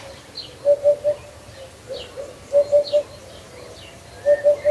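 A hoopoe calls its soft, low 'oop-oop-oop' three times, each triple evenly spaced, over a faint bed of other chirping birds; no rooster crow stands out.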